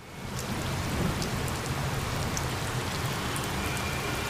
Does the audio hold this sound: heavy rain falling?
yes